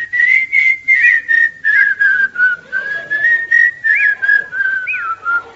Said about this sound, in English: We go in whistling that, right?